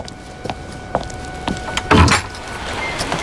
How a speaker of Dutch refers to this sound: Oh nee, er wordt geklopt.